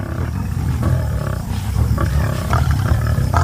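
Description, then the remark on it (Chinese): Several lions of a pride growl and snarl continuously, a deep, rumbling, loud sound with rougher bursts and throaty roars rising now and then as they feed on their prey. No one speaks. “但现在狮群里每只狮子都需要尽可能填饱肚子，他们并不知道这将是他们近期的最后一顿晚餐。”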